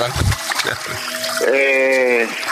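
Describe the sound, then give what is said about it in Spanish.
Water runs steadily for the whole moment while a sustained, somewhat off-key flute tone rises over it, partly drowned by the flow. “Y bueno, pero el agua lo está tapando, entonces...”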